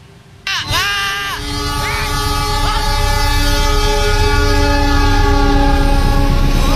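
The horn of the Anggrek train blares suddenly and loudly, several wavering blasts, as the heavy rumble of the passing train builds and fills the scene with steady mechanical roar, at a level crossing on Jalan Layur, Semarang, Indonesia, where an MPV car broke through the crossing barrier.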